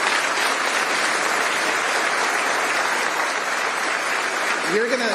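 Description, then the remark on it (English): An audience at a Department of Justice press conference announcing an indictment applauds steadily, a dense, loud wash of many hands clapping that holds for about five seconds, with a voice briefly emerging over it at the very end. “You're gonna get to clap for Jason in 20 seconds.”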